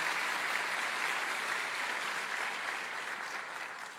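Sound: applause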